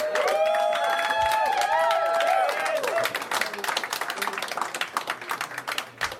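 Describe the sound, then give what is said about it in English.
A large comedy-show audience applauds loudly for the headlining comedian from Cedar Rapids, with dense, steady clapping, while whoops and cheers ring out over it for the first few seconds before the clapping carries on alone. “You ready for him? All right, all the way from Cedar Rapids, give it up for”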